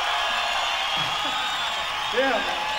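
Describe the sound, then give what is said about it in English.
A crowd applauds a musician steadily in a dense, hissing wash, with scattered shouts and a rising whoop from someone cheering partway through. “How about a hand for Mr. …?”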